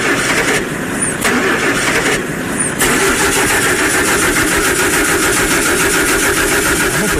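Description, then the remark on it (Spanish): A car engine, started to show the car that will take the milk to be sold, cranks twice with short starter bursts, then catches and settles into a loud, steady idle that rumbles for several seconds. “Es más, voy a prender el carro para que vean el carro que nos va a llevar ahorita a vender lo que tenemos aquí, la leche que tenemos ahí ya cuadrada para llevarla para la galería.”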